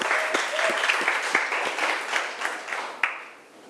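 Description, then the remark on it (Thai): A burst of applause for the makers of an educational video clip shown in a lesson, many hands clapping in a dense, irregular patter with a few sharper claps standing out, fading away toward the end. “เราก็ต้องขอขอบคุณเจ้าของสื่อวิดีทัศน์ในวันนี้ด้วยค่ะขอเสียงปรบมือให้เจ้าของสื่อวิดีทัศน์ในครั้งนี้ด้วยค่ะ”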